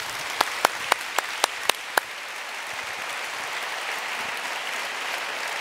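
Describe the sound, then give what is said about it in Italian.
Audience applause opens with seven sharp, evenly spaced claps, then swells into a dense, steady wash of clapping that holds at an even level to the end, with no voices. “Sì, ci sta un applauso.”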